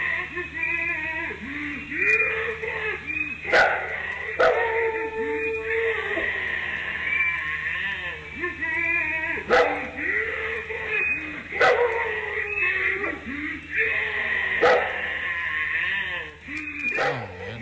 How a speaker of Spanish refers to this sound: el que ladra creo que es el oso, güey. El perro.